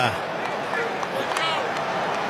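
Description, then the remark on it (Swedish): A stadium crowd applauds as Senegal substitutes central midfielder Papgay off for Lamine Kamara, with Senegal leading the match 2-0. The clapping and crowd noise form a dense, steady wash that stays fairly loud and even throughout. “Han får applåder i alla fall.”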